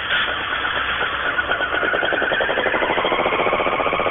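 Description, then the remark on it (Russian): A Honda motorcycle engine runs steadily with a buzzing, rapid pulsing rumble that climbs slightly in pitch as it revs, loud and continuous with no voices. “Так, была Yamaha, ты помнишь звук Yamaha? Забыл. Забыл, надо сейчас Хонда будет.”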